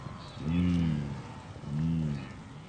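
Two deep, drawn-out lowing calls from wildebeest, about a second apart, rising over a steady rumble of herd noise in the background, as thousands of wildebeest gather at the Mara River, which they must cross.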